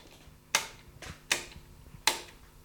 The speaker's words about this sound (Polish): Nad nimi mamy takie trzy przyciski, z których jeden wyłącza drugi. Wydają taki dźwięk.